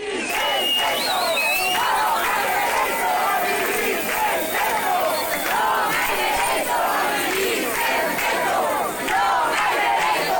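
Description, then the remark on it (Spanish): Hundreds of people gathered at the Porta do Sol on a Monday, at a protest called by the city's Alianza por la Vivienda over the housing crisis, shout and chant slogans together, many overlapping voices forming a loud, steady roar of raised voices that never lets up for the whole stretch. “Lo hacían para exigir medidas ante la crisis habitacional al grito de todos somos Mari Carmen y vivir sen teito non ha dereito.”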